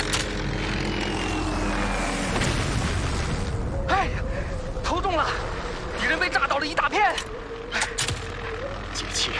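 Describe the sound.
A steady aircraft engine drone is broken by a series of heavy booms as bombs dropped from a diving aircraft explode among Kuomintang troops below, over enemy-held territory. Indistinct voices cry out among the blasts, which come in quick succession.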